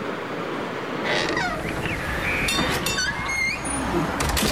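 A door creaks on Dutch radio station Radio West, introducing its outpost ('buitenpost') segment, in a series of drawn-out, squeaky groans that glide up and down in pitch, heard over a steady rushing noise like wind or surf.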